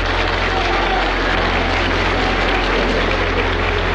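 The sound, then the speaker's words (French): Sustained applause from a large crowd fills the great circular hall of the Parliament as King Baudouin enters at 11 o'clock, a dense, steady wash of clapping with no pauses, loud. “À 11h, sous les applaudissements, le roi Baudouin entre dans la grande salle circulaire du Parlement.”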